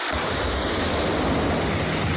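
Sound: explosions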